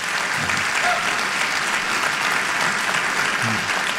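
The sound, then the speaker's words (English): A church audience applauds, with dense, steady clapping that holds at a strong level for the whole stretch, and a few faint voices mixed in underneath. “Give me an applause if you believe it.”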